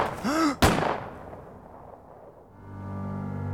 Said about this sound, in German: Er war etwa 20 Meter von den anderen entfernt, als die beiden Schüsse knallten.